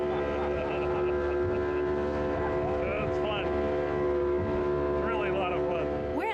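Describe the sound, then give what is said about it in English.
A small, crammed motorboat carrying people on a snorkeling trip to Bacardi Island drones loudly and steadily at high speed, with rushing water, spray and wind throughout and faint voices briefly rising over the roar. “This small boat shows up, we all cram in and take off.”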